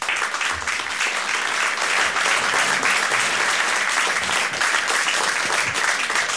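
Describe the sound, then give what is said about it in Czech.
A theatre audience applauds steadily as Halina Pavlovská and Jan Čenský come on stage and slowly sit down, dense rapid clapping forming a loud, continuous wash of sound that holds evenly for several seconds without letting up. “My si sedáme pomalu, aby potlesk byl delší.”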